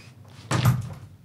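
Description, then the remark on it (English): A door opens with a single solid thunk and a brief rattle, moderately loud, followed by a short fading tail against a quiet background. “Can you open the door”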